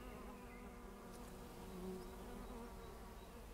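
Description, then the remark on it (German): A steady, dense hum of many bees and insects buzzing together in a rapeseed field, continuous, with individual wings droning slightly louder as they pass. No one speaks. “Da ist Leben drin, da sind viele Bienen und Insekten drin. Hört ihr das?”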